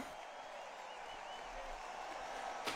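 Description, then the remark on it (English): A steady burst of crowd applause fills the whole moment, dense and even, like many hands clapping at once. “The crowd thought it was good.”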